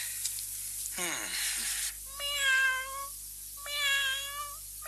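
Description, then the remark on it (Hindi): A cat crossing in front of someone in a home meows twice, clear, with long rising-then-falling harmonic cries separated by a short pause, after a brief burst of hissy noise and a faint low hum. “ये बिल्ली को मेरे सामने से चली है?”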